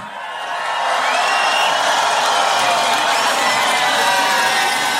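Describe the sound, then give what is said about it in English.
A large crowd at Tomorrowland roars with sustained cheering and scattered whoops for a special guest, swelling up within the first second and holding loud and dense throughout. “So make some noise”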